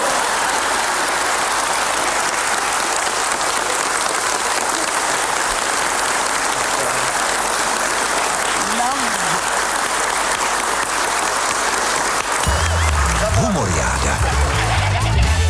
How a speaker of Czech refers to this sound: Potlesk!